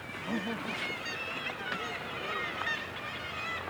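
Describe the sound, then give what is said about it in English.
A dense colony of kittiwakes on sea cliffs calls continuously, many overlapping shrill, wavering cries blending into a loud, steady clamour with no pauses. “And this is Kittiwake Village.”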